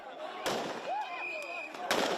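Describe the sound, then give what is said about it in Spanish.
Two sharp gunshots fired into the air crack out about a second and a half apart, loud, over a busy crowd of migrants murmuring with raised voices as they push and police hold them back. “Y se escuchan disparos al aire.”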